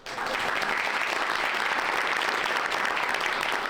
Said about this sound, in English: There you go. Big applause for the new boss there.